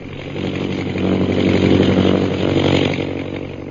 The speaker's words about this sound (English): High overhead, an airplane bearing Myra Trent flies into the northwest, and Myra, glasses in hand, searches the jungles beneath her.